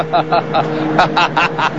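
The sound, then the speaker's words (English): A heavy tow truck engine rumbles, a steady low drone broken by rapid, even chugging pulses as it moves forward and angles around a station wagon. “His tow truck rumbles forward and angles around the station wagon.”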